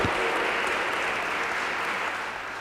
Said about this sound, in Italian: Prima vero, il coro da camera del Conservatorio è formato da cantanti e direttori di coro, allievi del Conservatorio di Trento. Vi lascio questo generoso applauso.